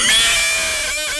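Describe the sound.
A person does a loud imitation of a horse's neigh: one quick, shrill whinny with a wavering pitch, heard on its own without any talking.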